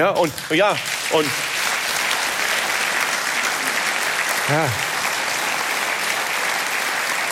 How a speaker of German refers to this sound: Und wissen Sie, vor 5 Jahren hätte es dafür nie und nimmer Applaus gegeben.